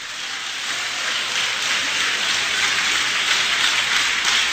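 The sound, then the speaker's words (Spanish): An audience claps for the Lord in a dense, steady roar of applause that holds at a loud, even level for several seconds, with no voices rising above it. “¡Aplauda al Señor!”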